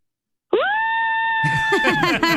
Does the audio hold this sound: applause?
no